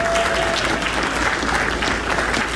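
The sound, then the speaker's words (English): A crowd of people claps steadily, a dense, sustained wash of applause that holds its level throughout without any speech, applauding donors including LiveWire Entertainment, who helped with projection mapping and scenic design. “So please join with me in giving them a round of applause.”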